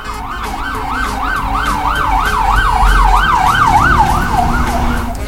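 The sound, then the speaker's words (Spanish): An ambulance siren wails in a steady rising-and-falling pattern, loud, over a rumble of traffic, then begins to fade slightly as it passes. “Aguarda con la ambulancia, espérate.”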